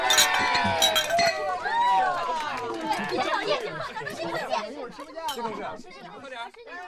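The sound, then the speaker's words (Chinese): Several glasses clink together in a quick cluster at the start of a toast at a company department dinner, while a lively group of voices chatters and cheers loudly around them. “说清楚了，现在开始就好好玩，干杯。”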